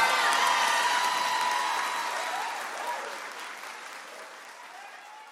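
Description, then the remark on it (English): A crowd applauds steadily, dense overlapping claps with a few cheers and whoops mixed in, loud at first and gradually tapering off over several seconds. “Clap your hands for my babies.”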